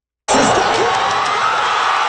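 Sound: crowd cheering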